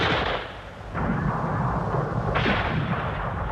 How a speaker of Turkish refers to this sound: Yere yat çabuk. Vay canına. Mermiler yağmur gibi yağıyor. Karşı tepe düşmanın yatağıymış meğer.